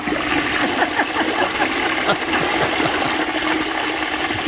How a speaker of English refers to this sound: It's a strong toilet. That's a long flush.